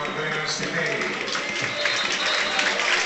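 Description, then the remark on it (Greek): Steady stadium crowd applause at a football match, a dense wash of clapping and cheering holding at a fairly even, loud level, with a commentator-like voice mixed in, as the crowd applauds Panathinaikos player Tetei being substituted off for Pantović with the score 0-0. “Τετέι χειροκροτείται.”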